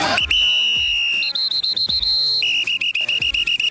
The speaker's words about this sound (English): It's time now for Pick It or Stick It. On whistle. Need a whistle.